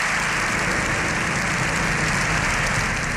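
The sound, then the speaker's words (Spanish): Sustained, dense applause in Spain's Congress, a seven-minute ovation from across the parliamentary spectrum after a pope's speech, many hands clapping at once, blending into a steady, loud wash of sound with no voices standing out. “El discurso de un pontífice ante el poder legislativo de un Estado aconfesional terminaba con 7 minutos de aplausos.”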